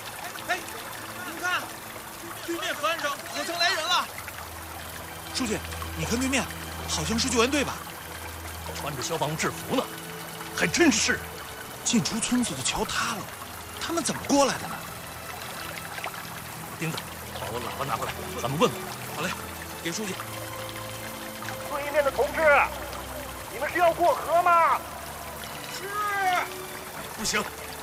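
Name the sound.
rushing river water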